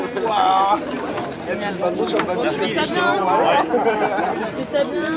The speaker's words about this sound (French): Les voix se mêlent.